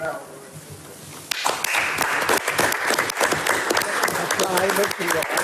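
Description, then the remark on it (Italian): After a quiet, murmuring moment, an audience at a book presentation breaks into steady applause: a dense, crackling wash of many hands clapping together, sustained to the end. “Un applauso ci vuole.”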